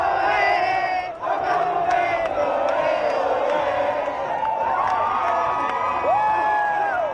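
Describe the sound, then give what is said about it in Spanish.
The Cape Verdean community of Burela cheers and shouts nonstop, celebrating their national team's 0-0 World Cup debut draw against Spain, many voices overlapping in a dense roar, with high rising whoops and chanted yells breaking through near the end. “Deportes, celebración entre a comunidade de Cabo Verdianos de Burela polo empate da súa selección contra España.”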